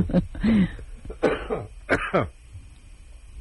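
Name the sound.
coughing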